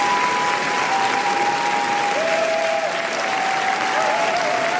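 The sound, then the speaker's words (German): A large film festival audience gives a standing ovation lasting 12 minutes for the French entry Garance, applauding loudly and continuously in a dense, steady roar of clapping, with thin sustained whistle-like tones and cheering threaded through it throughout. “Und mit 12 Minuten anhaltendem Jubel und Applaus nimmt der französische Beitrag Garance in diesem Jahr eine Spitzenposition ein.”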